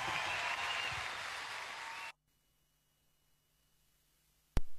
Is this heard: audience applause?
yes